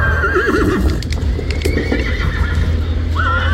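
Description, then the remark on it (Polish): A horse whinnies with a wavering, shaky call at the start and again near the end, while scattered hoof clops knock over a steady low rumble of background noise. “Tak, ale to z uwagi nie na to, że to jest jeden koń, który jest badany 3 dni, tylko ilość koni jest taka, że nie bylibyśmy w stanie obejrzeć wszystkich”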